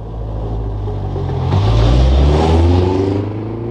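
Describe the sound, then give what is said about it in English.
A car engine rumbles, then revs up louder with rising tones as a family's car pulls away at the end of a lane and drives off to town, the sound steady before easing slightly at the end. “Later that day, Town Mouse saw the family at the end of the lane getting into the car to go to town.”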